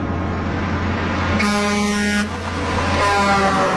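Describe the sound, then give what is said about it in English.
An 18-wheeler semi truck's air horn blares in two loud, sustained blasts over a constant rumble of road and engine noise, forceful with no voices present. “When you're hit by an 18-wheeler, this is not a regular car accident.”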